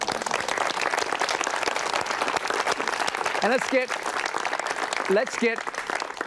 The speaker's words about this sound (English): I want to thank you for coming to the program. Station of the Cross sponsoring us here, and we've been here before, and they're just as wonderful this time around as they were last time around. So please, give yourself a little applause.